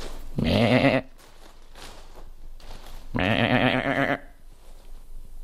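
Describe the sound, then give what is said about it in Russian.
A person imitates a young goat's bleat twice, two loud, wavering, nasal calls about a second long each, separated by a short pause, with no other talk. “Козленка у меня нет. Я попытаюсь подражать ему.”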